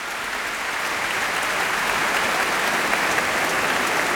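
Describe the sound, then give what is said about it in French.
Sustained, dense applause from a large concert audience after Berlioz's Hungarian March from The Damnation of Faust, as Michel Plasson and the Orchestre du Capitole de Toulouse return to bow. Steady and loud throughout with no music or voices, a continuous crackling wash of many hands clapping. “Et les applaudissements ne faiblissent pas.”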